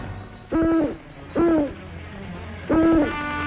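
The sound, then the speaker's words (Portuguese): An owl hoots three times, each call a short, steady mid-pitched note with a slight wavering rise and fall, spaced about a second apart over a low background hum. “Ó, coruja, coruja.”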